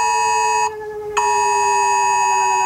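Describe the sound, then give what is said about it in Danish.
A loud, steady electronic emergency alert tone from mobile phones, made of stacked harmonic pitches, briefly dropping to a noisier burst midway before the piercing tone resumes and holds to the end, during the yearly test of warning systems on the first Wednesday of May. “Og fra millioner af telefoner, som de fleste af os har lige ved hånden, der lyder det sådan her.”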